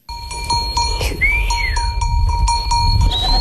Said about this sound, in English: A young boy whistles as he swings a rope, guiding the flock forward.